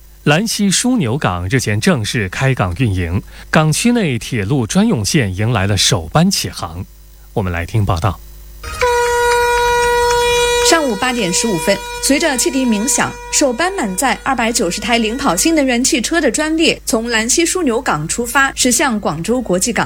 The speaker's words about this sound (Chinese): 上午8点15分，随着汽笛鸣响，首班满载290台领跑星能源汽车的专列从兰溪枢纽港出发，驶向广州国际港。